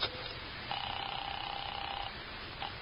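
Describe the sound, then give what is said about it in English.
A telephone being dialed rings through a thin, narrow phone line: one steady electronic ring lasting over a second, with brief clicks and a short blip around it, and no one talking, as someone places a call. “Let me use your phone.”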